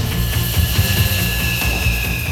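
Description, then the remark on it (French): A loud, steady roar of a jet plane approaching the deck of the aircraft carrier Charles de Gaulle at 250 km/h to land, with a throbbing low rumble underneath and a thin high whine riding on top; no voices. “Il leur donne ainsi les dernières indications pour que l'approche de l'avion à 250 km/h se fasse dans la trajectoire idéale.”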